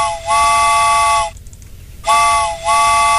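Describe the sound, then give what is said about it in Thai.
A loud train steam whistle sound effect on a radio show, calling listeners to board the train: two long, chord-like blasts separated by a short pause, the second sounding brighter than the first, with a low rumble underneath and no talking. “เดี๋ยวจะเรียกคุณผู้ฟังขึ้นรถไฟกันแล้วนะคะถ้าพร้อมแล้วไปค่ะ”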